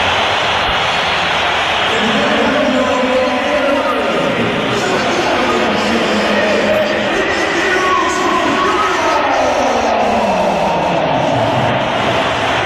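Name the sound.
stadium crowd whistling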